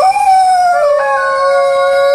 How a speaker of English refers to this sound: Which brilliant beast is making that sound? It's a hooting howl from a creature that you find in Australia, a type of wild dog. They've got a golden coat, spiky ears. Well done. If you figured out our creature calling in today is a dingo.